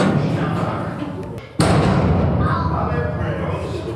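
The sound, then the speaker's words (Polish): A single dull knock on the side rock wall, made from a stopped narrow boat about one metre wide in a very dark passage, rings out partway through over a steady rushing background with faint voices. “Łodzie stanęły, a my pukamy w te boczne ściany.”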